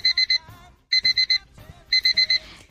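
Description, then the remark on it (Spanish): A typical battery-powered alarm clock beeps in rapid groups of four sharp electronic tones, three bursts separated by short pauses, loud with faint background noise between. “Cuando los utilizaba a pilas y era más pequeña, utilizaba el típico despertador a pilas.”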